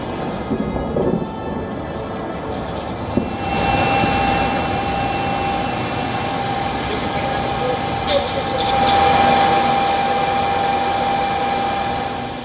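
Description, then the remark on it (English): An attack drone's steady engine drone passes overhead in Kyiv, Ukraine, against a broad roar of city noise, its high whine holding and swelling louder toward the end before fading slightly. “Ukrainian authorities claim that the capital came under a major overnight attack, with drones striking several areas across the city and its outskirts.”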